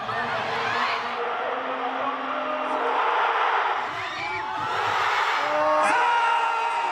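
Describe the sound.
A large crowd of Spanish football fans shouts and cheers continuously during a Spain versus France match, shouting at the referee and the French players, a dense wall of overlapping voices with occasional louder whoops rising above the roar, loud throughout.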